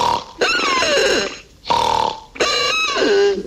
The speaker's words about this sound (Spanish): Ronquido número dos.